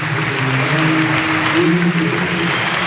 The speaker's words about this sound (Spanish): Ovación a Gaya, porque esto antes no pasaba. Se marcha el capitán con ovación